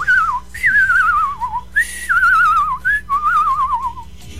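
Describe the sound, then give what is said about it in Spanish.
A person whistles like a bird in four warbling phrases, each a wavering high tone that trills rapidly and slides downward, with brief pauses between and no talking. “Imagínate si yo fuera un pájaro.”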